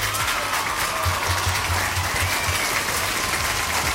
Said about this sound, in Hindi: but anyway सही जवाब दिया है सबने, तो आपके लिए यहाँ पे बजेंगी भाई बढ़िया वाली तालियां